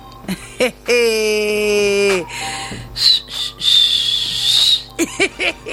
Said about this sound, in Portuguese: Só posso assobiar, para não chorar.